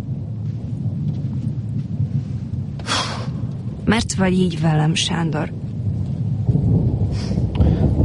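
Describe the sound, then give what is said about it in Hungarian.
Steady rain pours down amid low, rolling thunder that rumbles on throughout. A voice speaks briefly partway through over the continuous downpour. “Álljunk be ide erre a tornácra. What? A tornácra? Ide! Itt nem esik az eső.”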